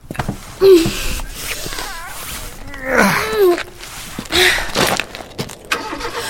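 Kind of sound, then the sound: vehicle, car engine starting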